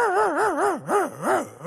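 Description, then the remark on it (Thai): A voice mimics a small dog barking: a quick wavering run of yips followed by a few separate, pitch-swooping yelps, fairly loud with nothing else in the background. “ผมเคยหูว่าหมาน้อยเนาะมันเห่าได้เสียงมาอย่างไร อ๋อหมาน้อยนี่นะเวลามันเห่านะมันเห่ามาเหมือนหมาใหญ่บ่เฮ้ยเปียวมันเห่าอย่างนี”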